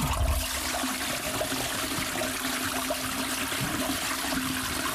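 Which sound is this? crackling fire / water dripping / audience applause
water dripping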